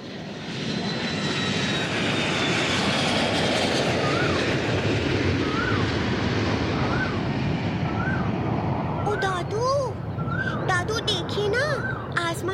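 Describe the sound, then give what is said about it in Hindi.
A fighter jet roars loudly across the sky in a broad, sustained rush that fills the whole clip, with a rising whine early on; voices and chirpy sounds emerge near the end. “Fighter jet गया।”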